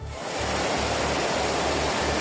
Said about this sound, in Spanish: Sí, la situación es especialmente complicada en el área de Barcelona, sobre todo en municipios como L'Hospitalet y Cornellà, donde la lluvia ya ha superado los 150 litros y ya hay calles y coches inundados. Este es el sonido a esta hora.